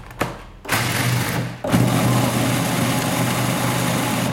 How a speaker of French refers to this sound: Alors, c'est pas mal d'avoir des cacahuètes, donc par exemple des cacahuètes françaises si on arrive à en trouver. C'est 150 grammes qu'on met dans son mixeur. Et on va faire un premier tour de mix pour les réduire en poudre.